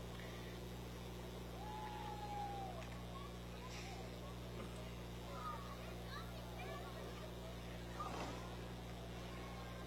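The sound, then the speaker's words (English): The 348 big-block V8 engine of a 1960 Chevrolet Impala is revved, rumbling with a steady, deep droning note, fairly loud, while faint voices and scattered outdoor noises drift in the background. “But right behind them, we have a 60 Impala. Letting the engine sing a little bit here,”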